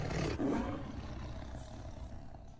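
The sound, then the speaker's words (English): A deep, rumbling lion roar sound effect, played along with a song during a radio traffic report sponsor spot, swells loudly at the start and then trails off into a long, growling rumble that fills the rest of the moment, with no voices. “I honestly didn't know you could play the song and do the roar at the same time.”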